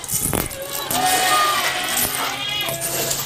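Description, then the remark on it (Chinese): A crowd of black goats on a farm bleat over one another in a steady, overlapping chorus as they gather to feed, fairly loud, with some rustling and clattering underneath. “对对对， 蚕豆皮、大蒜皮、中药渣不仅降低养殖成本，也让黑山羊长得更壮更结实。”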